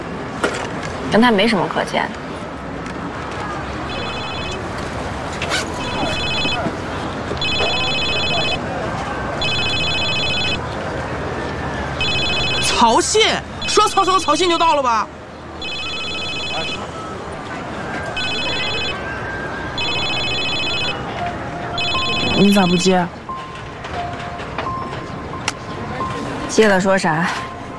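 A phone rings repeatedly with an incoming call that goes unanswered, in regular bursts of bright, high-pitched trills, a few seconds apart, over a steady background hum with occasional clatter and passing noise.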